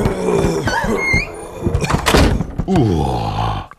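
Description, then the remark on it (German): A door swings open with a creaking, groaning squeak and a dull thunk, followed by shuffling, bumping movement as two creatures stumble in, all fairly loud and without any talking. “Auf einmal ging die Tür auf und ihre beiden Meloks kamen, ein wenig zerzaust, hereingestolpert.”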